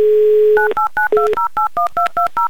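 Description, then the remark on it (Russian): A steady dial tone gives way to a quick run of about ten touch-tone beeps as a phone number in Oryol is keyed in, each dual-pitched tone short, clear and evenly spaced. “Набран номер телефона Натальи, звоним в Орел, дождемся гудков”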